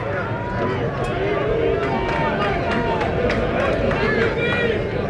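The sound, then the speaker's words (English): Steady, dense crowd chatter at a ballpark during a Friday 4 o'clock baseball game, a continuous wash of many overlapping voices with occasional brief sharper sounds poking through the murmur, the crowd growing as people get out of work. “Although it's a 4 o'clock start on a Friday, it's been a really good crowd, and obviously with people getting out of work now, crowd continues to increase.”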